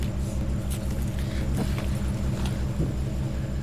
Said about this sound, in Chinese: 这冰箱怎么这动静？是不是坏了？ 正修着。